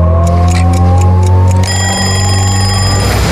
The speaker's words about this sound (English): When the clock ticks at 6:30,